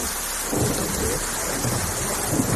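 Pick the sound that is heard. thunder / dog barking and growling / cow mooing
thunder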